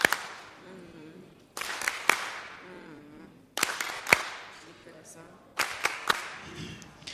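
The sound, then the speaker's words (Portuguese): Warm applause in an assembly of deputies after a question: loud, sharp hand claps in irregular bursts separated by pauses, with voices murmuring underneath between the claps. “Palmas carinhosas.”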